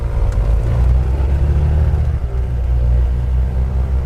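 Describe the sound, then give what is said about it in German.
An aircraft engine revved up with everyone aboard at the small airport of Lampedusa: a loud, steady engine roar with deep low rumble and layered harmonic drone, swelling slightly as the motor revs, then holding a constant heavy hum throughout. “Als wir endlich alle im Flieger sitzen, lässt Mirko den Motor aufheulen.”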